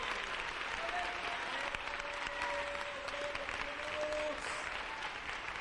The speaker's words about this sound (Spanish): ¿Cuántos se regocijan por ello? ¿Cuántos se regocijan por ello? Démosle un aplauso fuerte al Rey. ¡Que se escuche!